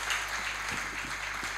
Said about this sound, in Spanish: Fuerte el aplauso